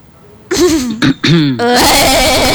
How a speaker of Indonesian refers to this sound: Batuk dulu.